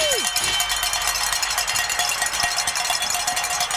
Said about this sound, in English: We've got a couple of people on the phone, and I'm getting the high sign here to ring some bells. Woo!